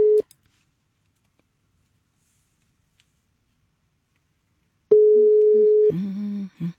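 A phone ringback tone while calling a finalist in a Swedish new-music talent competition: a steady mid-pitched beep is heard, then a long silence before a second one-second beep. The line then picks up with a brief crackly answering sound.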